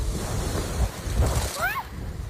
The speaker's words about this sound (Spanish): En Poliña de Xúquer, donde se registraron acumulados de 53 litros por metro cuadrado, según AEMET, soplaba así el viento en la tarde de ayer.